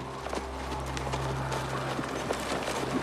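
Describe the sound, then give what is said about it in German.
Horses' hooves clip-clop in a steady, slightly uneven patter, as if several animals are walking together, over a constant low droning hum in the background. “Du, bewach die Pferde.”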